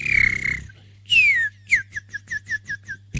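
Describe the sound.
An old woman whistles a bird imitation to call a man: a steady high note, then a long downward swoop, followed by a quick run of seven or eight short, evenly spaced chirps, over a low background hum.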